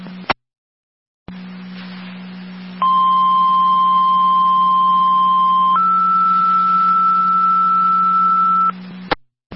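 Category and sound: signal or alarm, dispatch paging tones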